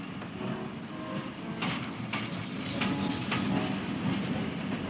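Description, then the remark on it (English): A train runs along railway tracks, a steady heavy rumble broken by sharp, regularly spaced wheel clacks, growing slightly louder as it passes. No one speaks. “your sister was frightened of the train, so I had to take her off the station.”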